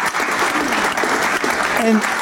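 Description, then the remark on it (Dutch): Steady, warm applause from a crowd for a professor fills the whole stretch, a dense continuous patter of clapping with faint voices mixed in and a brief tonal voice near the end. “Dus mag ik wel even een warm applaus voor professor Dr.”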